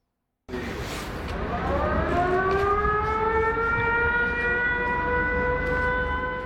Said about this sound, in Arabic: بين إنذار وآخر يعيش الأوكرانيون، تتوقف الحياة ويهرع الجميع إما إلى الملاجئ أو المناطق المفتوحة. حمل المقاعد صار ظاهرة، الانتظار قد يدوم ساعات، ولا تستأنف الحياة إلا بعد انتهاء الهجوم الروسي ورفع حالة الإنذار.